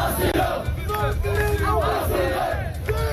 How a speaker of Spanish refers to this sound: Lo que gritan es asilo, piden al gobierno español que les conceda el asilo en nuestro país.